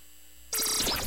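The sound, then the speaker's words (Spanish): After a moment of near silence, a loud, bright WhatsApp incoming call tone cuts in abruptly and carries on with a slightly harsh, buzzy edge, with no voices. “Bueno, yo creo que este es WhatsApp, ¿verdad?”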